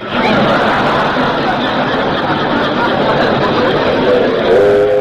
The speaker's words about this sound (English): Didn't I hear a train? Oh, the 419, I guess. Yeah, right on time.